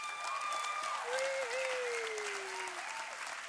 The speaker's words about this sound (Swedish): Så, damer och herrar, ge en varm applåd för dagens vinnarlag, Sneaky Alingsås!